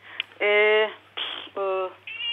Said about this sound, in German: Oh, Sie haben auch eine Katze zu Hause.